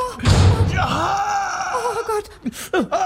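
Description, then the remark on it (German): A door slams shut on someone's foot with a heavy thud, and a drawn-out pained groan follows immediately, trailing into short strained whimpers. “Dein Fuß ist noch in der Tür!”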